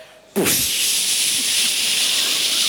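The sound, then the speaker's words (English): An audience at a science show imitates a rocket ship launch with a loud, sustained hissing whoosh. It bursts in abruptly after a brief quiet moment and holds steady and bright to the end. “Okay, but if you think the coolest thing about science is outer space, can you do a big like a rocket ship? Ready?”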